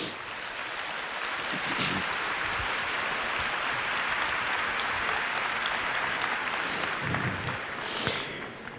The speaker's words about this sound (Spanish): Con Jesús todo se puede. Un aplauso a Jesús.